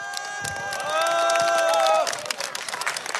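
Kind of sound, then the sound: crowd, audience applause and cheering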